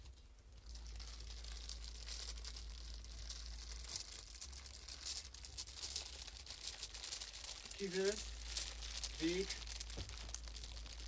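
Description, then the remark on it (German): Steady patter of dense crinkling taps imitating rain drumming on a skylight, continuous for the whole stretch, with a couple of brief spoken words near the end. “Regen an der Fensterscheibe. Ah, Dachfensterregen.”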